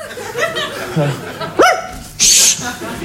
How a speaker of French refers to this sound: Qu'est-ce que c'est ça? Viens ici. Au pied, le chien. Couchez,